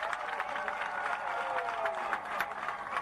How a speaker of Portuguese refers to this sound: Quero também agradecer aos nossos grupos culturais. Desde aqueles que nos receberam lá, até estes que dançaram aqui. Quero pedir uma grande salva de palmas para eles.